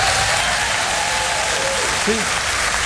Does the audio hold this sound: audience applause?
yes